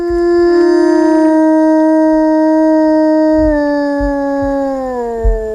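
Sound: wolf howling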